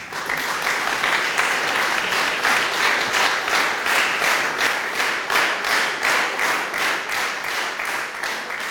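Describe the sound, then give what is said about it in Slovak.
Minutes-long applause from an audience after the reading of a laudation at an award ceremony honouring the Union of Slovaks in Hungary, many hands clapping steadily at a fairly loud level throughout, with a faint rhythmic pulse emerging as the clapping partly falls into sync. No voices are heard. “Po prečítanie laudácie nasledovali minúty dlhotrvajúceho potlesku, ktorý vyjadroval úctu všetkých prítomných k zväzu i k našemu básnikovi Jurajovi Dolnozemskému.”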